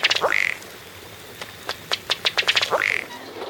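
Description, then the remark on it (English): A ruddy duck calls with a rising, nasal note, then a run of about ten dry ticking pulses that quicken, and another rising note at the end. No voices are heard. “Another water bird that doesn't walk very well is the colorful ruddy duck.”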